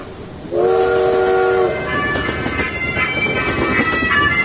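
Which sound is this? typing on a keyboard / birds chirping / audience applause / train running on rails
train running on rails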